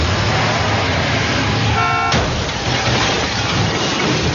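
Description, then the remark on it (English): Loud, continuous roar of speeding vehicles in a film car chase scene, with a short, blaring car horn about halfway through, cut off by a sharp crack, then the rushing engine noise carries on. No one speaks. “But the thing is that his character, too, he has to be a big driver, because there's a chase, a car chasing scene.”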